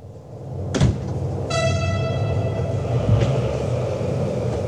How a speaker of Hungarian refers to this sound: A vonat oda is vissza is szinte üres.